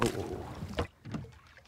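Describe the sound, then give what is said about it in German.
Oars dip and pull through water, with a sloshing, splashy stroke followed by a couple of sharper splashes as a man rows a rowboat on a short round on the Bodden. “Nun müssen die Männer für alle Fälle auch noch das können. Rudern.”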